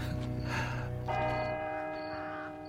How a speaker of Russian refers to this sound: И только когда в церкви стали бить часы, и он вообразил самого себя мертвым, зарытым здесь навеки, то ему показалось, что кто-то смотрит на него.